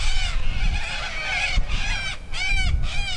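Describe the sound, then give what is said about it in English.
Raucous, harsh squawking from dozens of little corellas in paperbark gums by a finger of the Portland River at Narrawana community, Pilbara region, Western Australia; overlapping cries rising and falling continuously, loud, with a low rumbling background. “It feeds green grass grazed by horses and paperbark gums, home to dozens of little corellas.”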